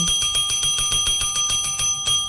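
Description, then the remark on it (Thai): A bright bell rings rapidly and repeatedly, a quick rhythmic trill of metallic dings sustained for a couple of seconds, loud with no voices; a bell sound effect prompting listeners to press the notification bell and subscribe. “กดกระดิ่งก่อนนะเรียกซับค่ะ”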